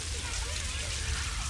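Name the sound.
rain falling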